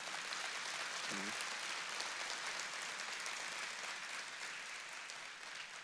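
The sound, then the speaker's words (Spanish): An audience applauds in a steady, dense wash of clapping that lasts the whole stretch, fading slightly at the end, with a brief vocal exclamation near the start. “Me gustaría que ese aplauso fuese mucho más fuerte, ¿sí?”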